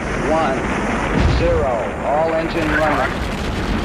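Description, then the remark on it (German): The 1968 launch of the strongest rocket of its time, carrying astronauts Jim Lovell, Frank Borman and Bill Anders to circle the Moon, roars in a loud, continuous rumbling blast of noise that holds steady throughout, with voices speaking over the thunderous din. “Die Astronauten Jim Lovell, Frank Borman und Bill Anders sitzen auf der Spitze der stärksten Rakete der damaligen Welt.”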